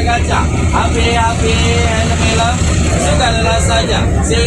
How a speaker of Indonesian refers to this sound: Biasanya kan kita lihat dari POV dari luarnya ya. Nah, ini kita lihat POV dari dalamnya, dalam bis kawan, saat bis ngetem di dekat Terminal Arjosari itu ya.